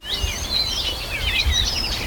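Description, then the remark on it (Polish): Several birds chirp and warble continuously in a high, busy chorus, their overlapping calls moderately loud against a low rumbling outdoor background with no talking. “Jeszcze niezbyt jasno, tego śpiewu ptaków na przykład sprzed kilkunastu choćby dni nie słychać tak głośno, ale żeby Państwu nie brakowało, to proszę bardzo.”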